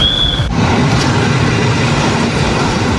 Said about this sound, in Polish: Pociąg niespieszny, chodzi się z toru drugiego.